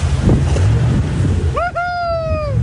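The K2 jet boat carrying Mr Luxon and National Party colleagues speeding across water from central Queenstown toward Frankton: a steady wind-blown rush with low engine rumble, then a loud, high whining engine note rises sharply and holds.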